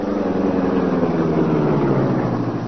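A car engine rumbles loud, a steady motor drone whose pitch sags slightly as the awaited car slows and pulls up. No one speaks.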